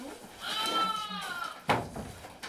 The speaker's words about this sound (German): Schäfchen schreit schon, guck, hat schon Hunger.